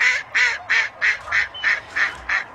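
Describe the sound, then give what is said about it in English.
A duck named Merlin in Mexico, dressed in the Mexican national team's outfit, quacks about nine times in a quick, steady rhythm, each call loud and nasal, alone with no talking. “This is a duck.”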